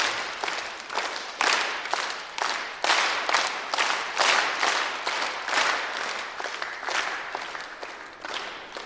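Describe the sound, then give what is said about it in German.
An audience claps together in a steady triple-meter rhythm, following hand signals to clap louder and then softer, the bursts swelling louder and then easing softer over several seconds, with no voices. “Und dann werde ich lauter zeigen, dann müsst ihr lauter klatschen und leise, dann leise.”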